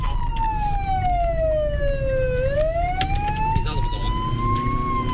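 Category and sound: vehicle, police car siren wailing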